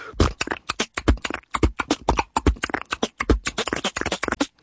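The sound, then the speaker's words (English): A human beatboxer performs a dice roll, imitating rattling dice with a fast, steady run of sharp mouth clicks and pops, fairly loud, about two dozen crisp bursts with tiny gaps between them and no talking. “He popularized the dice roll, the whole”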